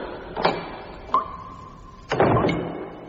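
A door is opened: a soft knock of the handle, a sharp click, a long, steady creak as it swings, then a louder rushing thud as it comes fully open.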